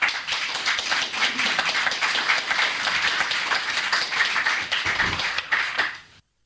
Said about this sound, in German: Ja, Applaus für Micha Brumlik hier im Freien Radio Kassel in der Sendung Themenwechsel.